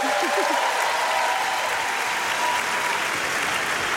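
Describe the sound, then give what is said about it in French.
Sustained applause from a large concert audience for the stage technicians fills the whole stretch, a dense, even wash of clapping with a few faint voices and whoops audible early on. “Je pense que vous pouvez les applaudir.”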